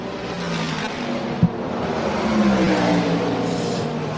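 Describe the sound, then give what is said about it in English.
A race car's Gibson engine roars steadily and loudly as the car is released from its pit stop after refuelling, its pitch climbing as it accelerates away, with one brief sharp knock partway through and no voices. “Now they release it, and there it goes with the roar of the Gibson engine.”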